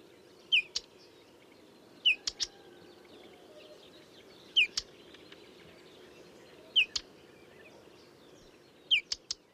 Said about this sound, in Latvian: Čakstināšana lukstu čakstītes gadījumā gan ir uztraukums sauciens, tāds īčak-čak, ko var vasaras otrajā pusē bieži dzirdēt lukstu čakstītei piemērotās vietās. Tas nozīmē, ka kaut kur tūmā ir ligzda vai mazuļa un pieaugušie putni ir satraukušies.